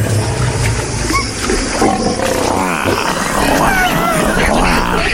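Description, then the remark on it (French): Big cats roar and growl loudly, with several overlapping roars in a continuous, rumbling chorus that swells toward the end, dominant with no talking. “Dans l'obscurité, les fauves du show business mondial et de la politique et surtout de RTL rugissent d'impatience.”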